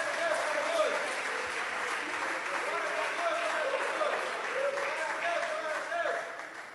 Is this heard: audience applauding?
yes